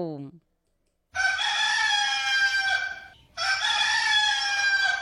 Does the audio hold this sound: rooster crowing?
yes